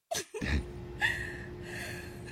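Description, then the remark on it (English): Breathing over a phone line: a sharp intake of air, then a few soft breathy rushes over a steady low electrical hum, fairly quiet, with no one talking. “I can still hear you breathing.”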